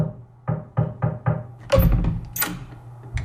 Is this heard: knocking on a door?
yes